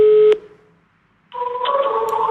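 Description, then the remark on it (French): Telephone line tones as calls are placed to elderly people, some unsuccessful: a short steady electronic beep, a brief silence, then a longer buzzing busy tone that runs to the end. Clear, no voices. “Devant son téléphone, les appels se succèdent, parfois infructueux”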